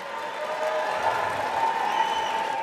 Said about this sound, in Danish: Ja, stor jubel. 215 stemte for forslaget, 208 stemte imod.